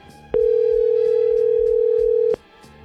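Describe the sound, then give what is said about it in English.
A telephone call ringing out as radio station 94.3 The Go in Hamilton, Ontario, calls a winner of a pair of festival tickets: one loud, steady mid-pitched ring tone lasting about two seconds, starting and cutting off abruptly over a faint background. “I got a pair of tickets I'm going to give away, so why not give a winner a call?”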